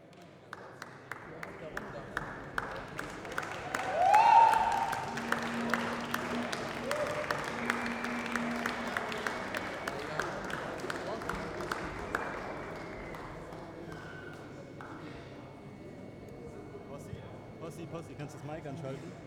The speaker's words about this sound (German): Und nochmal einen großen Applaus für alle Jungs, die das überhaupt möglich gemacht haben, okay?